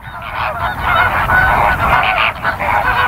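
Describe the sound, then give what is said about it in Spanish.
A flock of flamingos honking continuously, many overlapping nasal calls forming a loud, dense chorus that carries on without pause, with no voices present. “Esta correlación entre color y comida es más evidente en uno de los coloristas más icónicos del mundo salvaje, el flamenco.”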